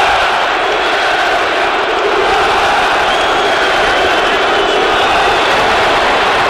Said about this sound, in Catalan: quan va aparèixer Julián... Xiulets, crits, insults, quan va sortir a escalfar.